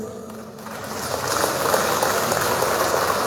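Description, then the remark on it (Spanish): A crowd at an event of the Departmental Assembly of Cochabamba claps loudly to welcome assembly member María Eugenia Ledesma, a dense crackling wash of many hands that swells after the first second and holds strong to the end, with no voices over it. “Recibimos con fuertes aplausos.”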